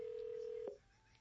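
A steady electronic telephone tone sounds clearly for most of a second, cut off by a brief click, followed by quiet line hiss; the sort of tone heard when dialing a phone keypad.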